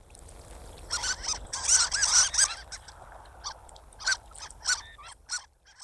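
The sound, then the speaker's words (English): Harlequin duck calling: a run of high, squeaky, whistled notes, clustered early and then spaced out in short bursts, over a low, steady background hiss. “I'm going to default to one of my very favorite projects in the park, and I'm going to say Harlequin duck. You got it.”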